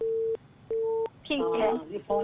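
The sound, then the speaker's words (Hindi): Two steady electronic beeps on a phone line, each about a third of a second with a short gap, followed by a voice speaking or singing over the line with a tone still recurring. “हाँ हाँ सुन रही हूँ, ये टूट टूट की आवाज कहाँ से आ रही है?”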